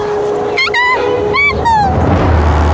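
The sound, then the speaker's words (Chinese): Wild dogs, dholes, give a few sharp, high-pitched yipping barks in three quick bursts, over a steady background hum that turns into a low rumble at the end. “有豺狼，熊猫妈妈受伤了，肯定跑不掉的，我们得赶在豺狼之前找到她。”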